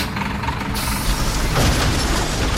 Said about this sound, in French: Ça commence très tôt. Quand le voisin jette sa poubelle dans la benne commune du quartier.